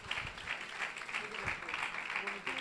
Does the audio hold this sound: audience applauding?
yes